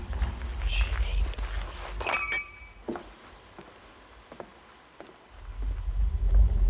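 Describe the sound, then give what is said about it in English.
Footsteps walking along a sidewalk, a series of short, irregular scuffing steps over a low rumbling background that swells at the start and end. “You're walking along the sidewalk and then you hear the sidewalk and the noise.”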